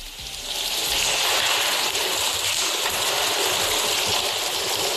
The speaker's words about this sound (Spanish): La lluvia irá hoy a menos, después de un miércoles de fuertes precipitaciones con acumulaciones de 59 litros por metro cuadrado en Gijón y vecinos achicando agua.